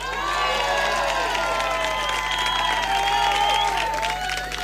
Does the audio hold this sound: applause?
yes